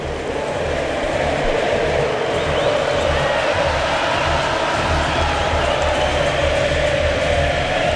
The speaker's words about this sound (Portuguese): E o estádio do Kansas canta, canta a torcida argentina.